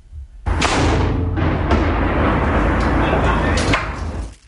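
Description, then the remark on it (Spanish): A single loud cannon shot fired from Cerro Santa Lucía bursts out sharply, followed by several seconds of deep, rolling rumble with a couple of smaller cracks before it fades away. “Mira, escuchemos cómo suena el cañón desde el mismísimo Cerro Santa Lucía.”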